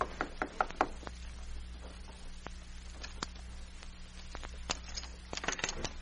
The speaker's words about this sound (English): A few minutes later, Ezra Hitchcock emerged from the express office and went to a room located on the second floor of a nearby building. He knocked on the door.